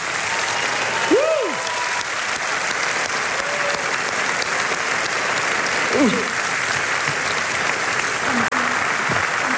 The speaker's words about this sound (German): Bitte aufstehen und applaudieren die zwei Kinder